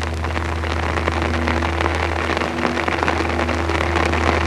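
Night-long drizzle patters on a poncho during a jungle night in Vietnam, a dense, continuous drumming of small drops over a low, constant hum, with no voices.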